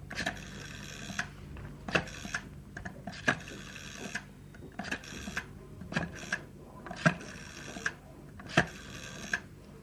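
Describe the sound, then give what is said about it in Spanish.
A telephone number being dialed on a telephone in a hotel lobby: a run of about six short mechanical whirring bursts, each punctuated by sharp clicks, repeating at a steady pace with no voices. “pero no subió a su habitación, sino que por el contrario se dirigió al teléfono que estaba colocado en el lobby, marcando el número de Lucía.”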